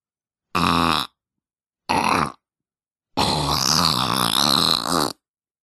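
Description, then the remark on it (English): Three raspy, buzzing fart noises made with the lips: two short ones about a second each, then a longer wobbling one lasting nearly two seconds, loud, with silence between. “This isn't even a real fart. It's just my lips.”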